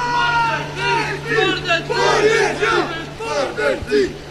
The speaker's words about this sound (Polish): Późnym wieczorem pojawiły się także kilkuosobowe grupy wyrostków. Skandowali oni w kierunku policji wulgarne epitety.